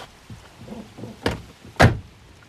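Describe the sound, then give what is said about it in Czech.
Someone climbs into a car in cold weather with soft rustling and shifting, then a door thumps shut, followed by a second, louder slam. “Vidíte, napřed si nastupte. Kábosit můžeme v teple.”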